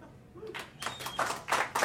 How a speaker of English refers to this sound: Look at that. That's nice. Clap it up. Be proud.